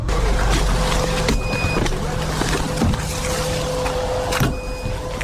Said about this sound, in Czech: Pípání detektoru signalizuje, že v našem okolí se pohybují drony. Jsme v Druškivce, ve čtvrti rodinných domků, na kopci nad městem.